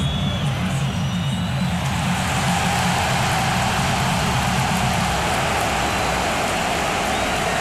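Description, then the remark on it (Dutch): A large stadium crowd at a football match applauds steadily for Gerard Martin, a dense, loud wash of clapping that holds at an even level for several seconds without individual claps standing out. “Publiek applaudisseert voor Gerard Martin.”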